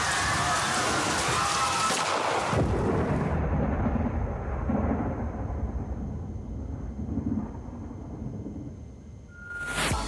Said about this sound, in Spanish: Y la lluvia siguió. Después de 10 días, hubo un momento de alerta.